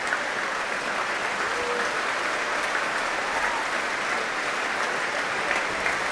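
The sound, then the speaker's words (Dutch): Sustained applause from a large audience after an orchestral performance fills the space, a dense, steady wash of clapping that holds at an even level without pause or individual claps standing out. “Ja, groot applaus ook voor de trombones.”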